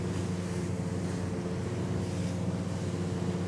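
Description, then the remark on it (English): A boat pushes through the sea under a grey, cloudy sky, its bow coming down on the waves and throwing spray up onto a person aboard, over a steady, loud engine drone and rushing wind, continuous with no voices. “And as I'm sitting here, the bow of the boat is coming down, the spray is coming up, it's actually splashing me in my face, and I swear I'm trying hard not to fall asleep.”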